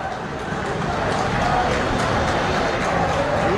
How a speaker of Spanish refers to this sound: Aplausos, algún grito también de algún hincha protestando.